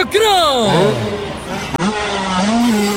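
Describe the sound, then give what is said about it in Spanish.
Motocross motorcycle engines rev up loudly with rising and falling whines, layered over each other as several bikes accelerate in a freestyle motocross act at a circus in Samacá, with a brief cut midway before more revving continues. “¡Motocross! ¡Motos volando! ¡Freestyle!”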